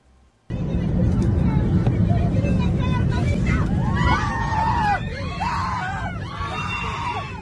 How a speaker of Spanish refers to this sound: En esos momentos estamos escuchando los gritos y la angustia de algunos de los pasajeros que tuvieron que vivir una situación de máxima tensión a bordo de un vuelo de Fly Dubai que cubría la ruta entre Dubai y Tel Aviv.